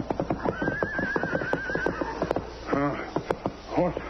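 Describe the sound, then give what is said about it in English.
A horse neighs loudly, with shaky whinnies near the end, over a steady run of clip-clopping hooves. “Horse still alive.”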